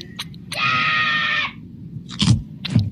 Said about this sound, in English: Dad says if you make a scream, you're dead meat. You wouldn't scream.